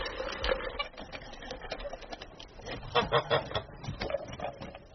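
A flock of geese honking and cackling in a busy overlapping chorus, with harsh nasal calls rising and falling continuously, some louder bursts near the middle.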